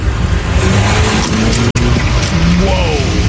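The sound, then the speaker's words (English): A car engine rumbles loudly, with tire noise and a rising whine as the vehicle pulls up to a reporter for The Main Wire in a video clip, a brief cut in the middle and faint voices underneath. “So here's some guy who pulls up to a reporter for the main wire.”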